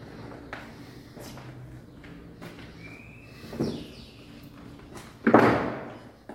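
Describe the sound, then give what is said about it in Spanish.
A door sounds at the far end of the space, first a soft creak or knock and then a louder thud near the end, with faint background noise and no talking. “La puerta.”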